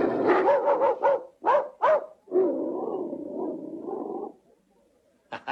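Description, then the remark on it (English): A person imitates a dog barking: a quick run of yapping barks, a long wavering growl-like howl, then a couple of short yaps after a pause. “I can do a very good dog.”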